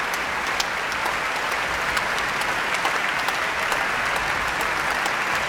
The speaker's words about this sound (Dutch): En Hoving laat het hele orkest nu staan om het applaus in ontvangst te nemen. En wijst vervolgens weer naar de cellist, naar Liaf Kerbel. Een mooie volle zaal vanavond hier in Eindhoven.